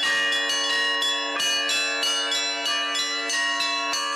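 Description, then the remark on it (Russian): Church bells ring continuously in a loud, rhythmic peal, with repeated strikes about every half second and a rich, sustained metallic ringing layered throughout, no voices present; bell ringers from the Nizhny Novgorod Metropolis demonstrating their craft at a festival. “Свое мастерство демонстрировали звонари из Нижегородской метрополии. Они с удовольствием делились с гостями секретами колокольного звона.”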